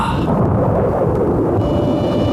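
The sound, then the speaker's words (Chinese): Deep, continuous thunder rolls heavily for a couple of seconds before rain, a loud low rumble that swells and churns without breaks, with no voices present. “要下雨了”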